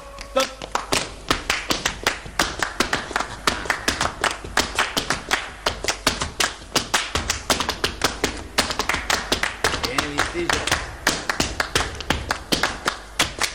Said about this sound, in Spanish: Vamos a hacer un premio a Julito con un malambo a capela. ¿Se anima, muchachos?